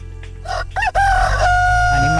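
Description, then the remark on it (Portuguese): A rooster crows loudly in Recife, Brazil, one drawn-out cock-a-doodle-doo with rising and sustained harmonic notes, heard on its own without any talking. “E o galo no Recife,”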